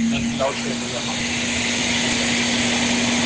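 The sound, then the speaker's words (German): A Kärcher floor scrubber machine drives around cleaning the floor, a continuous whirring drone with a constant low motor hum, and a faint voice briefly murmurs early on. “Kärcher, Boden, Schubber, sauber Dings.”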